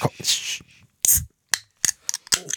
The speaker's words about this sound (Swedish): Jag har ju en liten tradition, det är ju att varje fredag så måste jag ju öppna min hallonsoda.